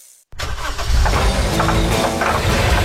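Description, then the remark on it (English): After a brief silence, a vehicle engine cranks and fires up, then settles into a loud, steady rumble, with no voices over it. “That's your vehicle.”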